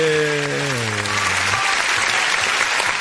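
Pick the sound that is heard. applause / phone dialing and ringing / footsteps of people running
applause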